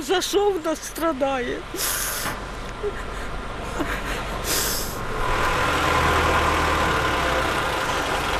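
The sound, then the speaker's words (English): A heavy vehicle engine idles and churns as firefighters winch a mangled car off a street in Kyiv, Ukraine, with two sharp bursts of air hiss and a rising mechanical drone; indistinct voices are heard briefly at the start. “And as firemen winched her mangled car off the street, dust and anxiety remain in the air.”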